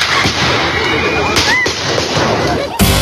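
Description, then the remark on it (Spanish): Several sharp gunshot cracks ring out at irregular intervals over a steady wash of crowd noise, with people talking and shouting throughout; the last shot is loudest. An unknown attacker fires at Colombian senator and presidential pre-candidate Miguel Uribe during a Centro Democrático party event in Bogotá, Colombia. “Este fue el momento en el que recibió varios disparos por parte de un desconocido que fue detenido justo después de cometer el atentado.”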